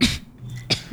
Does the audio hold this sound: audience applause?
no